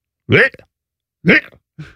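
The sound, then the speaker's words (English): A person vocally imitates the family cat projectile vomiting all over the stairs: three throaty, gagging heaves, the first two loud and strained, the last shorter and weaker, separated by brief silences. “This is a cat. And I'm not talking about a little bit of cat yak.”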